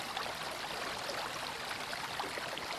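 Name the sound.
mountain river stream flowing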